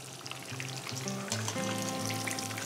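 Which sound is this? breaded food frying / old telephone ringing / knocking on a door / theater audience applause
breaded food frying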